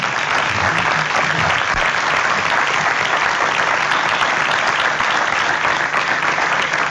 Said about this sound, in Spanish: Muchísimas gracias por habernos acompañado. Muchísimas gracias y de nuevo, felicidades. Gracias. Un aplauso, por favor.